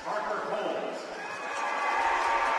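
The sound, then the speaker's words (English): A dense, sustained roar of an arena crowd at a hockey game cheering for player Parker Holmes in a rival building, steady and building slightly in volume toward the end, with no single voice standing out. “A rather robust cheer in a rival building for Parker Holmes.”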